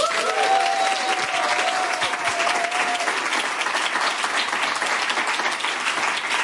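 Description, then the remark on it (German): A full audience, every seat taken, applauds steadily, a dense, loud wash of clapping that stays even for the whole stretch, with a brief whistle-like tone riding over it early on. “Hier sind alle Plätze besetzt und es hört sich dann folgendermaßen an.”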